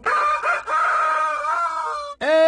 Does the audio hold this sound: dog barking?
no